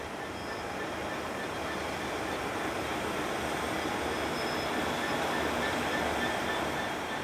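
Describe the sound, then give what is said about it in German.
A passenger train of old but comfortable French state railway (SNCF) carriages rolls steadily along the rails in Gabon, leaving Libreville in the morning. Its continuous rumbling roar fills the scene at a constant, fairly loud level with faint high metallic whines above, no voices present. “In alten, aber bequemen Waggons der französischen Staatsbahn SNCF geht es am Morgen in Libreville los.”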